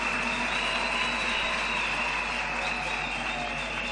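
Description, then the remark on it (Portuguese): An audience claps for the leaders of the political parties' youth associative movements, who are asked to stand up together at a National Youth Council event, in a steady, dense wash of applause that holds at an even loudness for several seconds, with no voices standing out above it. “senhores líderes dos movimentos associativos juvenis dos partidos políticos aqui presentes, que eu queria pedir para se levantarem todos de uma só vez, uma grande salva de palmas para eles.”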